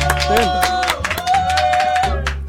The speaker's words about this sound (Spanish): No, bien, amigo, merece un aplauso, ¿eh? Un aplauso.